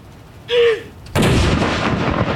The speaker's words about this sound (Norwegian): Og det kommandanten da som leder denne avfyringen av disse salutene. Første kanon!